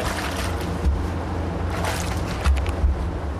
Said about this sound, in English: She leans over one of the tanks, stirring with a long pole. The moromi inside looks like thin, milky porridge, bubbling gently from fermentation.